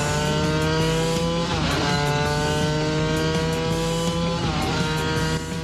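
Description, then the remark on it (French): A vintage race car engine runs loud and steady, its harmonic drone holding pitch with two brief dips and recoveries, like gear shifts or throttle lifts, with no voices. “Là, le moteur, il a l'air de respirer, comme à l'époque.”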